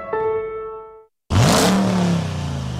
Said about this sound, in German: Sound ist zurück. Der neue 2026er Dodge Ram V8 und Liberty Cars in Falkenburg hat ihn wieder im Angebot. Der Pickup mit 3,5 Tonnen Anhängerlast fährt mit Gas.